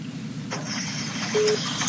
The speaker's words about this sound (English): Just wondering what that beep beep is. My phone's not making no noise. Huh. Oh, it might be my phone. Yeah, it might be my phone. Sorry. Because that's what I was patching you through on.